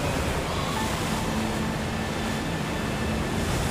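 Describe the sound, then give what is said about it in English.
A steady, dense roar of howling wind and churning waves around a rocking and rolling boat approaching Fort Myers, loud with no breaks or distinct crashes, and no one speaking. “Boat's rocking and rolling, and the wind's howling.”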